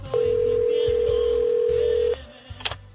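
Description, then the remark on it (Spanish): A single steady electronic telephone ring tone sounds loudly for about two seconds, then cuts off, followed by a faint click or rustle. “Y de repente suena el teléfono.”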